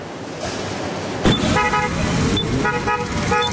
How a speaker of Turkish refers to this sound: Farklı noktalardan motosikletlerini atlayıp geldiler, konvoy oluşturdular.